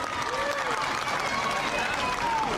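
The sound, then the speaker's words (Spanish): A crowd applauds steadily, a dense, even wash of clapping that holds at the same loudness throughout, with a few voices calling out above it. “¿Están listos? Un aplauso a todos ustedes.”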